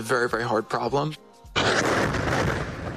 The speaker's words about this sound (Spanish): Una explosión de una guerra televisada.